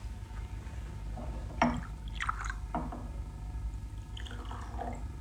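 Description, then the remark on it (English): Scotch and water poured into a glass in a few short bursts, with soft splashing and gurgling, then a quieter trickle; fairly quiet, over a low room hum. “Have a drink. An excellent idea. Scotch? Fine. Water? Thanks.”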